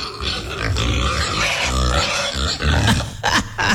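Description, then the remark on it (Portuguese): A pig grunts repeatedly in low, rough bursts, with snuffling noises between them as it roots around searching for food on a small farm early in the day. The grunts come in an uneven rhythm, fairly loud throughout, with no talking. “Olha o porco procurando comida.”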